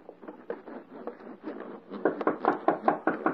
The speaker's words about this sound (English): Hark. Someone knocks.